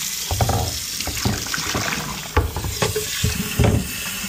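Running tap water pours steadily into a kettle to make tea, a broad continuous hiss punctuated by several clinks and knocks of the kettle being handled; no one speaks.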